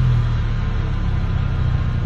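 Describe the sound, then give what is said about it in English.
Vehicles idle in a drive-thru food line, a steady low engine rumble with a constant hum that holds at an even level, with no voices. “With the sound of drivers just as hungry as you. We have all been there. I have definitely been there. Our vehicles idling in line.”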